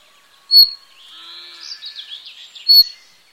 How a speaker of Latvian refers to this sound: Lakstīgalas uztraukumu, toties raksturo skaļas vilpieni.